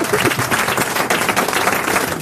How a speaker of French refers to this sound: Vous pouvez applaudir, hein, ça fait plaisir.